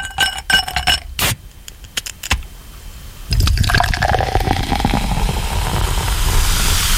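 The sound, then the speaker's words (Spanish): Ice cubes clink sharply against a glass a few times, then a drink is poured over plenty of ice with a steady, bubbling rush that continues to the end. No one speaks. “Pero dame otro trago con mucho hielo, por favor.”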